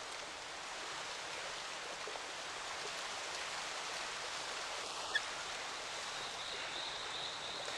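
A river stream flows steadily in a constant rushing hiss, with one brief faint chirp partway through and no voices.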